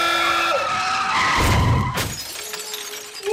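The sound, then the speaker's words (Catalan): Car tires squeal in a sustained, high-pitched skid, then a loud crash bursts out with a sharp smash and shattering, followed by a lingering rattling and hissing aftermath. “S'ha fotut una hòstia.”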